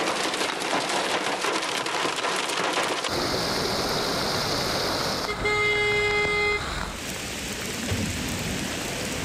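Heavy rain from a sudden afternoon downpour in Ankara, Turkey, pours down steadily on flooded streets amid traffic noise, and a car horn blares once in a sustained honk of just over a second before the downpour continues alone.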